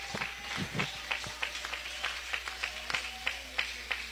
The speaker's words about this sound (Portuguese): Pode adorar o Senhor com palmas. Aleluia.